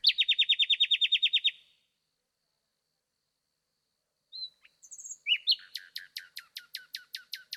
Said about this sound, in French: Dans la nuit, le rossignol remplit l'espace.